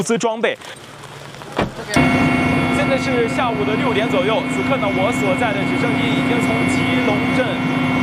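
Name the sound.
helicopter taking off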